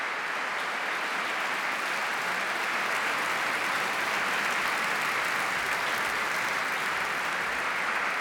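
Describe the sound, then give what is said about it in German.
A concert audience applauds steadily as a string quartet and orchestra take the stage after Louis Spohr's Concerto in A minor for string quartet and orchestra at the Festspiele Mecklenburg-Vorpommern, a dense wash of many hands clapping at an even, sustained level for the whole stretch, with no voices standing out. “Und jetzt sind natürlich alle vier und das Orchester auf der Bühne und lassen sich vom Publikum feiern.”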